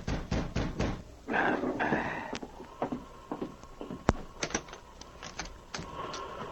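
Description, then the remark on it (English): Sharp knocks rap on a wooden cabin door at night in several uneven bursts, with a brief scraping, shuffling noise between them and no voices. “Gideon Perry was seated in his cabin when he heard a knock at the door.”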